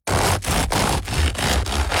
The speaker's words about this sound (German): So klingt das perfekte Brot. Außen knusprig, innen luftig leicht.